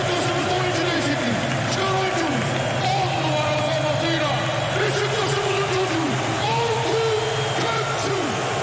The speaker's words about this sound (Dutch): Kukçu krijgt applaus. Ja, natuurlijk. En dat verdient hij ook.